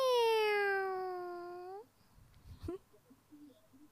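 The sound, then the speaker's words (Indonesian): A single loud, drawn-out cat meow lasting almost two seconds and falling slightly in pitch, followed by faint rustling and soft background noise. “Meong.”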